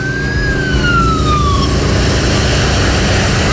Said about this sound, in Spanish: Sí. Está ingresando entonces la ambulancia por esta zona.